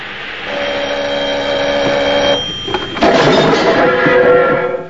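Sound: telephone ringing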